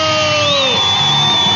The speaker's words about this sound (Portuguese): Palmas pra todo mundo.